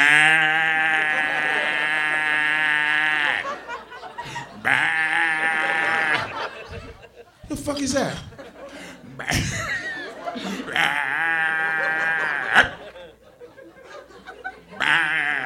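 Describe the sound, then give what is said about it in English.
Bullfrogs croak in loud, drawn-out, buzzing calls, about four long bellows over the span, with people laughing and talking in the gaps between them. “Mm-mm, I heard it bullfrogs.”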